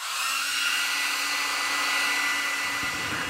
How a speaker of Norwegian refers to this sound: Det henger en håndtørker ved siden av vasken.